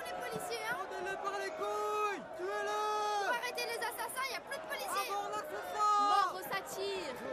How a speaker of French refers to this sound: La rue du Pont-Neuf est littéralement assiégée. On se bouscule, on rejette les agents de police, on hurle des insanités. C'est de la sauvagerie. Dans ce grouillement d'insultes, on distingue une espèce de ritournelle qui écorche les oreilles.